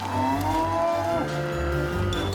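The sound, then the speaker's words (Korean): A calf that has escaped from its cattle shed lets out a long, drawn-out moo, its wavering call rising and falling over a steady low rumble, with no one talking. “그러나 안타깝게 송아지와는 속도 차이가 많이 납니다.”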